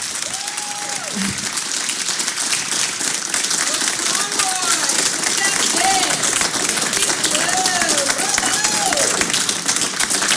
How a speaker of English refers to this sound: All right, thank you. We can applaud now. Yes.